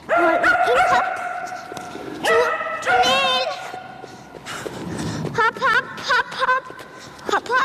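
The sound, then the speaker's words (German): A 10-year-old Shetland Sheepdog barks and yips repeatedly in quick, excited bursts, loud, while running an agility course in a training hall with its 7-year-old girl handler, whose voice calls out in between, with a faint patter of movement underneath. “So hört es sich an, wenn … mit ihrem Hund Keks durch den Parcours in der Trainingshalle rennt.”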